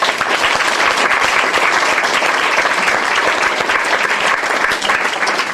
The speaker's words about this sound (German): Applaus für Roman Israel!